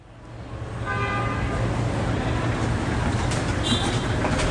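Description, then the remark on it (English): Dense city traffic roars steadily in Lima, Peru, with car horns tooting through the din, one longer honk standing out near the middle and another high, brief toot toward the end. “Peru's capital, Lima, is a bustling metropolis known for its food, its architecture, its sweeping sea views.”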